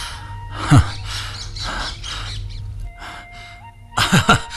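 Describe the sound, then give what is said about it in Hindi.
A pet parrot named Mitthu gives a sharp chirp, then after a pause lets out a quick burst of two or three shrill chirps, fairly loud over a low steady background hum. “अरे अरे मिट्ठू, अरे मेरे तोते, आओ आओ आओ आत्मा राम।”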